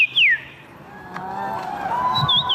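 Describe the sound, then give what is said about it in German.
A person whistles an imitation of birdsong at a birdsong imitation championship in Warsaw, Poland: a sharp, falling whistle at the start, then a brief warbling call near the end, over a low murmur of a crowd. “Denn in der polnischen Hauptstadt findet einmal im Jahr die Meisterschaft im Nachahmen von Vogelstimmen statt.”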